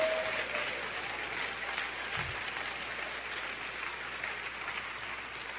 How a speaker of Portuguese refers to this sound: Dê-lhe um aplauso forte.